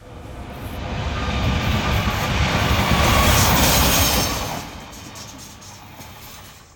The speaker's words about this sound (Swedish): Ja, det där var ju ett tåg som rusade förbi i rätt hög hastighet. Tåget har alltså gått förbi, anser man. Det är den känslan man beskriver.